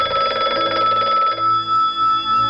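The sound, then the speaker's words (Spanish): A telephone bell rings loudly in the early hours of the night, a call from the United States waking Gil Parrondo on 16 April 1971 to tell him he had won the Oscar; a rapid, trilling electronic warble for over a second, then it breaks off, leaving a lower lingering tone and faint background hum. “La madrugada del 16 de abril de 1971, una llamada de teléfono despertó a Gil Parrondo en plena noche.”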